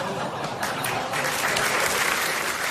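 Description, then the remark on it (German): Steady applause fills the whole stretch, a dense patter of many hands clapping at once, fairly loud, without any voices breaking through. “Ja, und da klatscht sie auch noch, sauber.”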